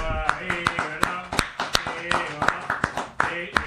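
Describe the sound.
Sharp hand claps ring out in a loose, steady rhythm, several per second, over a background of voices talking.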